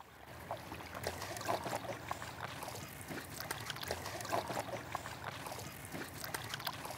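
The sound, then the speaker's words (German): A small boat glides along a river on a trip between Melbeck and Lüneburg, water lapping and trickling steadily against the hull with soft splashes throughout, moderately loud, with no voices. “So, jetzt sitzen wir alle in einem Boot. Und los geht's.”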